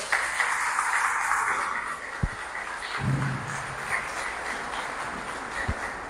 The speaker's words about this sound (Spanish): Ándele. Un aplauso.